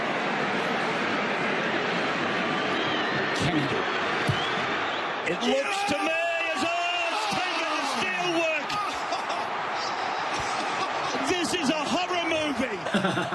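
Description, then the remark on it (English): A football crowd at a match keeps up a steady, dense roar throughout as a player has to kick a goal from the touchline to win his team a premiership, while a commentator talks excitedly over it in the second half. “Let's stop and listen to the crowd.”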